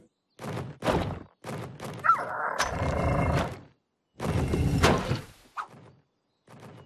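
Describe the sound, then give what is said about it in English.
A heavy door that won't stay open thuds and bangs several times as a cave bird tries to bring pine cones in, in irregular bursts, with deep low thumps mixed with scraping and a brief creak between impacts, with pauses of silence in between. “Hey, that's like a door.”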